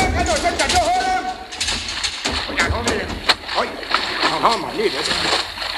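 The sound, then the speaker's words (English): Water gushes and splashes in a loud, steady torrent down through a submarine's conning tower hatch after a direct hit from a destroyer, while agitated voices call out underneath the rushing noise. “I got back up in time to see water gushing down through the conning tower hatch.”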